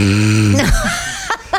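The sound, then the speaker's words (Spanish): A person imitates a man snoring in a cinema with a deep, buzzing vocal rumble that slides and rasps, then breaks into two short breathy snorts at the end. Fairly loud, with no talking. “Sí, prefiero el ruido del pochoclo, te dicen, señor, está roncando.”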